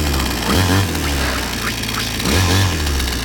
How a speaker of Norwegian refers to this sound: Motorsag.